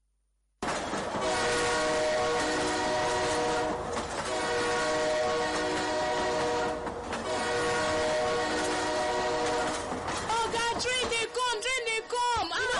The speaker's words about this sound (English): You don't see the train, ah!